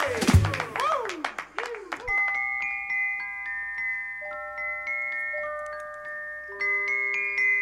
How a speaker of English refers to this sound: round of applause, why not?